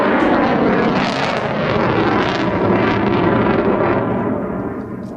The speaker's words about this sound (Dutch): De F-35 heeft veel power. Ja. Dit is een normale overvlucht, zeg maar op 440 meter hoogte.